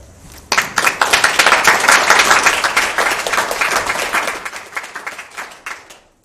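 An audience breaks into loud, dense applause, many hands clapping together in a steady crackle that swells quickly and then slowly thins out over several seconds.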